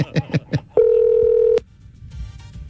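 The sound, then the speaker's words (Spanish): Three quick beeps of a phone being dialed to call a young woman, followed by one steady, loud ringing tone that lasts under a second, then a faint hiss and low rumble. “Llámala de una.”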